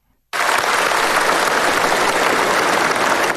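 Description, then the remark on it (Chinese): Sustained, dense applause from a large crowd at a rally celebrating the 105th anniversary of the founding of the Communist Party of China, as Xi Jinping delivers an important speech. It starts abruptly after a brief silence and holds at a steady, loud level without pause or voices. “在全场热烈的掌声中，习近平发表重要讲话。”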